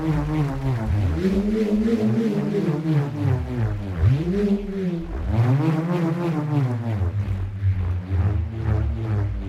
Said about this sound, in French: Le rhombe, par exemple, est un petit morceau de bois fixé à une corde qui vrombit lorsqu'on le fait tourner dans les airs.